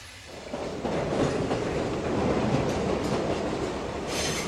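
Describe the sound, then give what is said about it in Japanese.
A crowded train bound for Battambang rolls steadily along the rails with a continuous rumbling roar and faint rhythmic clatter, steady and fairly loud throughout, with a brief brighter hiss near the end. “ともかく私たちは列車に乗り込み、狭苦しい不自由な状態で何キロも走った後、やっと止まりました。”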